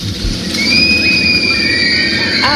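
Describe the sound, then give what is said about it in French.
A loud, steady rumble of wheels on a track with a high, sustained metallic squeal running over it, like a roller coaster car speeding along its rails at an amusement park; no clear screams stand out. “Un parc d'attractions, un manège. Ben lequel ? Le Grand 8.”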